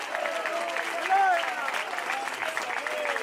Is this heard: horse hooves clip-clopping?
no